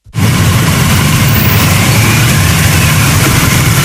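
A motorcade of ceremonial cars carrying July 1 Medal recipients, escorted by a ceremonial motorcycle escort, rumbles past at around 9 a.m. on its way from their residence to the Great Hall of the People. The dense, steady roar of engines kicks in abruptly and stays loud and continuous, with no voices.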